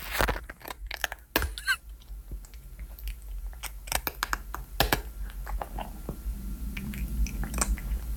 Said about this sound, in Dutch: Doortje de poes die lekker aan het eten is. Ah, oh, wat schattig.